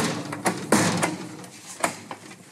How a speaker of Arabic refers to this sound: خبط يا ابني وخلص.